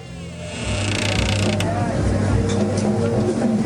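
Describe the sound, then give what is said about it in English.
A back door of a bar called Drifters creaks open with a long, drawn-out groan of straining hinges, steady in loudness, with a low mechanical rumble beneath it. “He breaks into a run, then enters the bar via a back door.”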